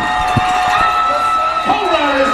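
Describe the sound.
A football stadium crowd cheers in a loud, sustained roar after an interception, many voices blending into a dense wall of noise with occasional shouts rising above it.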